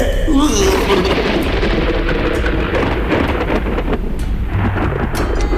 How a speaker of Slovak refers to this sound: Ohlušujúce hrmenie by zobudilo aj mŕtvého.